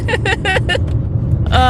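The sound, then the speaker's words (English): Steady low road and engine rumble fills the cabin of a moving car, with a group of boys in the car talking over it in short bursts. “We might be the first podcast from a car on the interwebs.”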